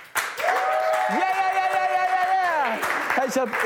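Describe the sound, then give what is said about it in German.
A studio crew applauds after a live song performance with steady, dense clapping while a long sustained vocal cheer rings over it. The clapping continues into a short stretch of voices at the end. “Komm, Crew, können wir noch mal einen fetten Applaus geben?”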